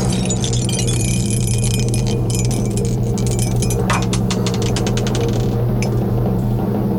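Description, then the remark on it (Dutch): Dice rattle in a dice cup in a cellar, a quick run of dense clicking taps that starts, builds and trails off after a few seconds, over a low steady hum, with no talking; the die comes up a one. “Ik ga naar de kelder, want daar staat mijn dobbelsteenbekertje.”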